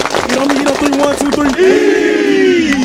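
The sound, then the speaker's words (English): The Kings Mountain High School football team claps in unison in a quick, steady rhythm while voices shout along, then everyone breaks into one loud, sustained group yell. It's energetic. “Everybody clap it up.”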